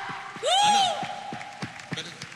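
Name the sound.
church audience applauding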